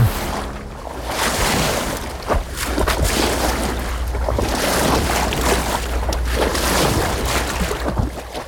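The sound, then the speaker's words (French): The Bateau Labo boat moving along the river through Paris in October 2025, with a steady low engine rumble beneath continuous rushing and splashing water, loud throughout, with no voices. “la Fillonnerie traverse Paris. Sur le pont du bateau”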